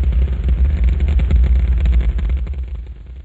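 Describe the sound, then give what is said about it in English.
The five engines of a Saturn V rocket roar at launch from Kennedy Space Center, a loud, continuous deep rumble with crackling texture that holds steady before easing slightly at the end. No voices are heard. “It's just like daylight here at Kennedy Space Center as the Saturn V is moving off the pad.”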